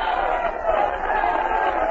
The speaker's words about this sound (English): You ought to hear the yelling.